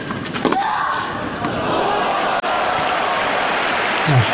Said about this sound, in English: See, they're actually applauding the grunts, yes, not the shots.